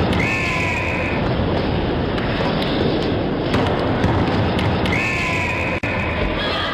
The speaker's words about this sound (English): The Fox 40 whistle.